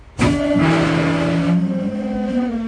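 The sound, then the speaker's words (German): The main air brake pipe of a VT2E train vents during a forced emergency braking, a sudden, loud rush of escaping air that eases after about a second, while a steady low engine drone continues underneath. “Muss der Zug zwangsgebremst werden, entleert sich diese Hauptluftleitung schlagartig.”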